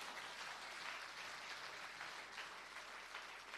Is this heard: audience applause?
yes